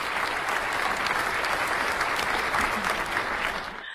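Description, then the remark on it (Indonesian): An audience applauds each team after the scramble round of a team competition, a steady, dense wash of many hands clapping at an even level that tapers off slightly at the very end. Nobody speaks over it. “Sekali lagi beri tepuk tangan untuk masing-masing regu di babak rebutan ini Bapak Ibu.”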